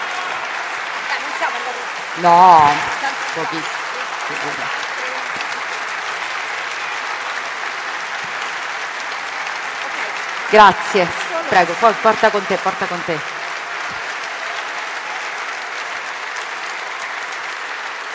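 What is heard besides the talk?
audience applause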